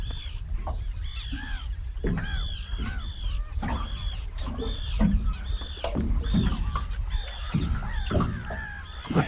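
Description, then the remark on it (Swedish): Common terns call repeatedly in harsh, grating bursts, several birds overlapping, with a steady low rumble of wind or engine underneath and no talking; heard from a boat out at sea in the morning. “Men det där var en vanlig fisktärna. Jag måste nästan lyssna lite bara på det här fina ljudet.”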